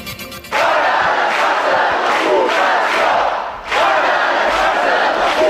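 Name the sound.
protest crowd chanting slogans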